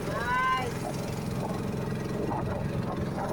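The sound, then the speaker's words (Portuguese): A boat engine on the Xingu River drones steadily throughout, a continuous low, throbbing rumble, with a brief murmur of a voice near the start. “Motor do barco.”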